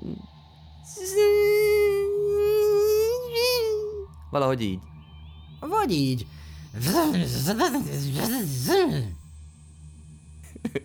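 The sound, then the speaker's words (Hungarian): A voice imitates a buzzing space fly with a steady, sustained hum lasting about three seconds, its pitch wavering slightly, followed by short bursts of speech. “Hogy csinál az űri légy?”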